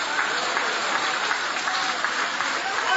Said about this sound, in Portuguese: Guarda a Bíblia com carinho e aplaude a Deus também com uma alegria. Isso, pode aplaudir.